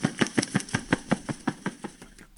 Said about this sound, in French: Ah, des ailes peut-être ou un truc. Un pigeon.